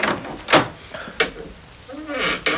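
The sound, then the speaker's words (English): A door at the top of many steps being opened with a key: a few sharp clunks and rattles from the latch, then a short rising creak of the hinge before a final knock. “You may open the door.”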